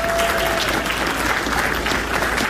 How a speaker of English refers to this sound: So please join with me in giving them a round of applause.